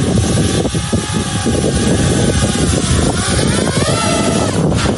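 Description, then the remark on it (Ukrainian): A loud motor whine of a small FPV drone buzzes continuously, its pitch rising and falling as it throttles and swoops through an obstacle course during a pilot training flight, with no talking over it. “Ось так пілоти FPV відточують свою майстерність на навчально-тренувальних польотах. Дрону вони мають пройти всю смугу перешкод.”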